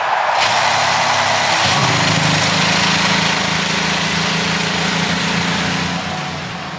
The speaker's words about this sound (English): And the field of 33 roars to life as we get ready for the 108th running of the Indianapolis 500-mile race.